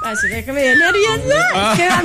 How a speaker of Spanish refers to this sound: Ay, no puedes silbar bien, bueno, tú.